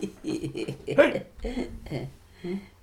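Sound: hiccup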